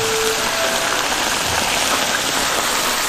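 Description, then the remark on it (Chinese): Fish wrapped in roasted chou mudan leaves sizzles as it is pan-fried over the fire, with a steady, dense hiss and fine crackling, continuous and fairly loud throughout, with no voices. “接下来就要上火煎了。”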